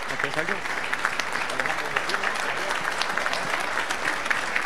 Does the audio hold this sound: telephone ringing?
no